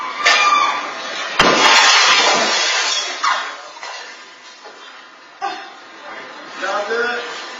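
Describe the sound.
An overhead light bulb bursts with a sudden, loud crack and a spray of shattering glass in Baltimore, after which startled women's voices cry out and react.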